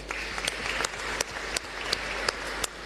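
A church audience applauds steadily in thanks to the brother apostles who prayed the rosary, a dense wash of clapping with sharper individual claps standing out at a fairly regular beat; no one speaks over it.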